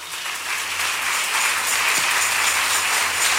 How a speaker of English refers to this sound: Shout, I am blessed. Hallelujah. Clap for Jesus.